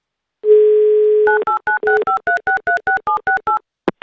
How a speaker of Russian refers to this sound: Набрали номер телефона